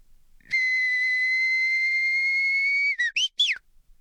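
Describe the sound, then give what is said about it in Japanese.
Performer Edoya Nekohachi whistles an imitation of a Japanese bush warbler (uguisu): one long, steady high whistled note held for over two seconds, then a quick series of short, rising-and-falling chirps to finish. “では最後にひと鳴きうぐいす参ります。”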